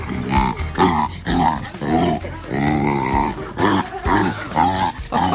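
A young jaguar cub, Magnus, at Randers Regnskov growls in a run of rough, throaty bursts with strained, harmonic snarls, loud and repeated with short breaks between outbursts, as he scares his older sister Sheba away from lunch.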